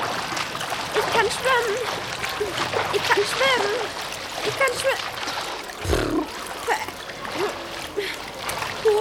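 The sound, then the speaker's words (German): Water splashes continuously as a child practises swimming with a polystyrene float belt in a pool, with choppy, uneven bursts of splashing and high voices calling out over the wet churning. “Und dann übt … das Schwimmen mit dem Gürtel.”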